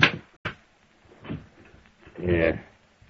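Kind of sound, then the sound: household object, desk drawer being opened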